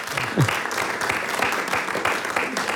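A crowd claps steadily throughout, a dense, loud wash of many hands with no pause, and a brief voice or cheer rising above it near the start.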